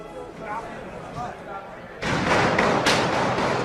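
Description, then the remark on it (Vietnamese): Murmuring voices at the White House Correspondents' Association dinner in late April 2026 give way to a sudden loud burst of sharp, cracking gunshots. A few distinct reports echo amid ongoing commotion as President Donald Trump is evacuated. “Những tiếng súng nổ chát chúa bất ngờ vang lên.”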